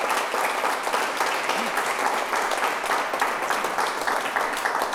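Steady applause from an audience fills the whole stretch, a dense, continuous wash of many hands clapping at fairly close range, with no voices standing out.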